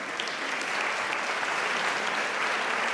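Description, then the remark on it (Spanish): An audience claps steadily for a child in the audience who correctly named the French horn, a dense, continuous burst of applause that fills the whole stretch, fairly loud with no voices standing out. “Un aplauso.”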